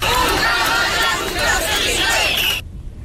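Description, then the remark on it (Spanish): A large crowd at a demonstration called by the fire brigade and joined by hundreds of residents shouts slogans while marching through the streets of central Ceuta, in a loud, dense roar of many overlapping voices that stays steady for about two and a half seconds before cutting off abruptly. “Con estos gritos han recorrido las calles del centro de Ceuta, pues bajo ese lema, hasta que han llegado a la Plaza de los Reyes y han desplegado una enorme bandera de España desde un camión de bomberos como signo de unidad.”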